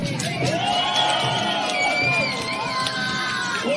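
A large crowd packed along both banks of the Grand Canal in Beijing cheers and shouts continuously at a dragon boat race, a dense wash of voices with high whoops and cries rising above it, steady and loud throughout.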